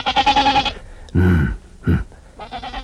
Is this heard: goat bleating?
yes